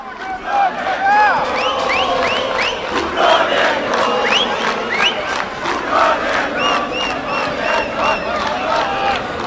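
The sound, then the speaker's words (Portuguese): A large crowd of Brasil (Xavante) football fans sings and chants together at the Montanha dos Vinhedos stadium during a match Brasil leads 1-0, loud and steady, with a rhythmic pulse of claps or drum hits running through the whole stretch. “Começa a cantar com o Budu, com o torcedor Chavante aqui na Montanha dos Vinhedos.”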